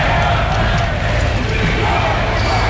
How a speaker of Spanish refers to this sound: Abucheos e insultos, que se han convertido en un clásico del Día de la Hispanidad. Una especie de hábito social que, hombre, refleja descontento popular, desde luego, pero acaso también una práctica alentada